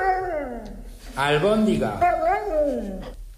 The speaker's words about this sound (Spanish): Albóndiga. Un perro que está contestando a su dueño. Dice albóndiga.